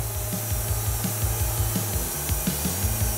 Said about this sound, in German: Drin ist die Geräuschkulisse krasser als gedacht. Ohne Gehörschutz geht hier nichts. Ah ja. Jetzt? Stille. Und danach geht's los. Säge an und Vollgas.